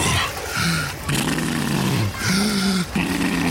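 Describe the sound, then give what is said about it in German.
Heavy, walrus-like breathing of seniors swimming breaststroke in a pool: about four long, low, groaning snorts in steady succession, each a rough, rumbling exhale with a hoarse, gurgling edge, loud and unbroken by talk. “Die brustschwimmenden Senioren mit Walrossatmung.”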